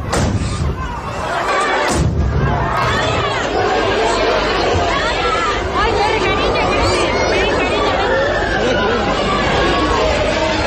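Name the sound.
crowd shouting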